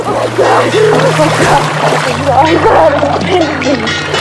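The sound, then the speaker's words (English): A woman being dragged through the sea thrashes violently, whipping back and forth and frothing the water as she grabs onto a buoy; loud continuous splashing and turbulent sloshing, with a voice sounding over it and a low steady hum underneath. “thrashing froths the water, and she grabs onto a buoy”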